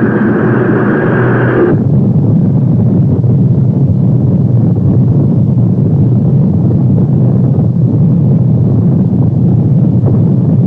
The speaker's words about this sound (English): T-minus 10, 9, 8, 7, 6, 5, 4. We've gone for main engine start.